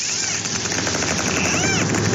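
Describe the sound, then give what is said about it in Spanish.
Clicks from a group of dolphins recorded by a submarine's sonar: dense, rapid trains of sharp clicks rattle almost like a machine gun, with a few high arching whistles sweeping over a steady hiss. “Bueno, esto es ruido biológico que hemos grabado, es una serie de delfines.”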